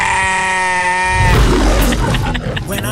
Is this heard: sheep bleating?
yes